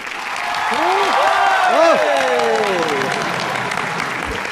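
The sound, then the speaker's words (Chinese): An audience breaks into sustained applause with whoops and cheering voices rising over it, loud, holding steady for several seconds, clapping and cheering on cue as a stage performance starts. “我一说开始，大伙儿掌声就给起来啊！”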